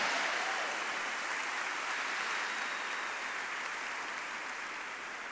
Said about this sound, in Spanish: Denle un fuerte aplauso a la palabra de Dios.